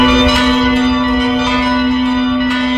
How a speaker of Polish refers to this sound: Parafie obu stołecznych diecezji dołączą do obchodów rocznicy wybuchu Powstania Warszawskiego. Biskupi proszą o uruchomienie dzwonów w godzinę W w każdym w kościele.